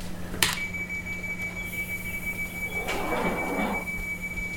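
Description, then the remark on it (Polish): A sharp clunk, then a steady high-pitched warning tone over a low electric hum, followed by a hissing whoosh as train doors slide shut after a door-closing announcement. No one speaks. “Czyli teraz możemy ogłosić, że zamykamy drzwi.”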